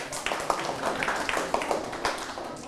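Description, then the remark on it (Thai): A group of students clapping for themselves in a classroom after a correct answer, a brief burst of scattered, overlapping hand claps at moderate volume, steady for a couple of seconds with no one speaking. “คำตอบคือบรรยายโวหารถูกต้องปรบมือให้ตนเอง”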